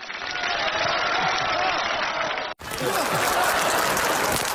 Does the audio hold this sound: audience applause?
yes